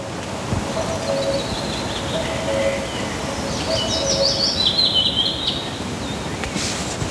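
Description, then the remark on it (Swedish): A cuckoo's low two-note call repeats several times while a chaffinch sings brighter, quick trilling phrases above it, recorded in the Rättvik area of Dalarna, Sweden, over a steady rushing background of wind or water noise. “Ja, Bästerjöken Gol rätt in i mikrofon. Tror att det kanske också var någon liten bofink eventuellt som satt lite närmare och agerade någon typ av, vad är det man brukar säga?”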